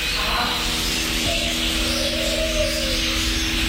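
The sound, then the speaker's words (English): A steady, busy wash of birds chirping and calling at the Canberra Walk-in Aviary, Gold Creek Village, Nicholls, a 1,000 square metre sanctuary with 60 bird species, with a few brief tweets standing out over a constant hiss of background ambience. No one speaks. “Film, feed, or just lose yourself amongst the 60 species of birds and their 1,000 square metres of sanctuary.”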